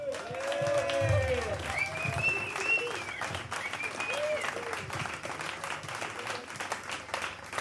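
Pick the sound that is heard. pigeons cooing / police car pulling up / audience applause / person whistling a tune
audience applause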